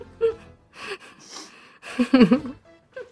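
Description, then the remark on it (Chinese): Several sharp, breathy sniffs and gasping inhales come in irregular bursts, some carrying a brief voiced, whimpering edge, with the loudest cluster near the end and no speech. “这是吸鼻子，真的很精髓。”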